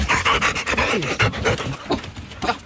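A dog pants rapidly and steadily, quick breathy huffs repeating in an even rhythm throughout, with no voices present.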